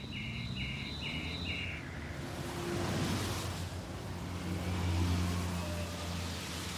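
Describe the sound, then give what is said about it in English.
Cars swoosh past along a street in two or three rising waves of rushing tyre noise over a low engine hum, with a bird briefly chirping in quick repeated notes at the start. “I can lie in bed at night and I can hear the swooshing of cars along the street at 2 or 3 in the morning, like that.”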